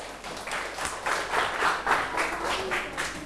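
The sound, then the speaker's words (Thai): A group of students in a maths class claps for Group 1 in quick, scattered applause that holds fairly steady for a few seconds, with faint voices underneath. “ใช่นะครับแสดงว่าถูกต้องนะครับปรบมือให้กลุ่ม1หน่อยครับ”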